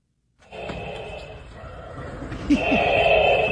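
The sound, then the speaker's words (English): Darth Vader-style mechanical breathing from a man in a full Darth Vader costume at a San Diego City Council meeting: a long, raspy respirator hiss drawn in, then a louder, harsher exhale after a brief click, steady and unbroken with no talking. “He's breathing.”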